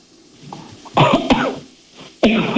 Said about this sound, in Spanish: A ver, prueba ahora. Tose fuerte, a ver, con toda tu alma.